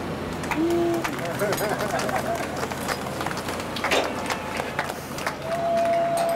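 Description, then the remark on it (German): A group breaks into dense, steady clapping with scattered cheers and voices mixed in, sustained for several seconds at a fairly loud level, with a couple of brief whistle-like tones. “Und klatschen!”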